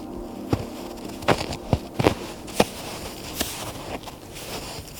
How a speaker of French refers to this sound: Quelques pas dans la neige. Particularité de celle-ci, c'est qu'elle est constituée d'une sous-couche bien glacée.